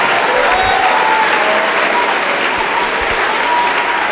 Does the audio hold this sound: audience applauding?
yes